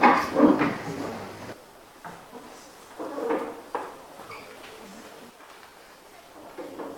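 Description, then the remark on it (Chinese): Drawers are pulled open by students in a cooking class before they start cooking, starting with a loud cluster of scraping, clattering slides, followed by a few quieter, scattered drawer sounds and low background noise. “在开始烹饪之前有几项提醒，首先大家需要做好个人的这个安全的防护，需要佩戴好我们的袖套，大家请把这个抽屉打开。”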